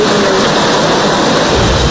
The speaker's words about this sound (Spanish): Eso es una cabeza de agua que está pasando ahorita. Sí, ese el río salió como a las 2 de la mañana y todavía está crecido y me ha afectado mucho el cuartito mío donde yo vivo y aquí la parte de atrás. Y el río está pasando muy fuerte